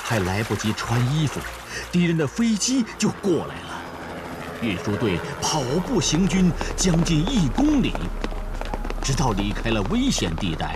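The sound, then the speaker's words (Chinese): Continuous splashing and rushing water as people wade through a river in midwinter, carrying grain carts across, with a northwest wind blowing light snow and thin ice floating on the river, runs beneath voices talking throughout, growing fuller and steadier in the second half. “大家都跟着下了水。隆冬时节，西北风卷着小雪，河上还漂浮着薄冰块。”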